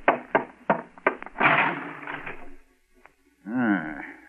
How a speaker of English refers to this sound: Car crashed into the lamppost right in front of the house.